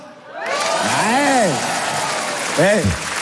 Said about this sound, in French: Ça fait 7 ans, mais toujours agréable de se faire applaudir 7 ans après une petite pétée.